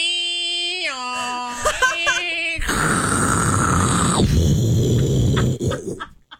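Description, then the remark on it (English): A voice imitates a dial-up modem connecting: a few held, stepping tones and warbling beeps, then a loud, harsh burst of static-like hiss and screech that cuts off abruptly. “Do old dial-up.”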